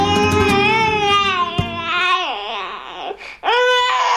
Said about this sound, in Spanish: Un niño pequeño utiliza el llanto para reclamar la atención de sus padres.